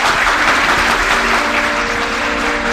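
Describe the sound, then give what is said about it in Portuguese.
A loud, steady wash of applause from a crowd for Pope Clement X, with dense clapping sustained evenly throughout, a faint tonal hum underneath and no voices. “Aplausos, por favor”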